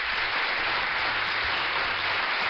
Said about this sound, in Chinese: 好，那我们要送个掌声给我们聪明的子清啊。